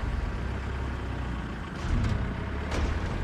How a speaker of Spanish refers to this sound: Luego, llegando a la isla, los autos bajan del barco en fila.